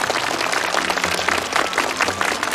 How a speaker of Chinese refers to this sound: 啊，那边女同学， 来吧，掌声鼓励一下。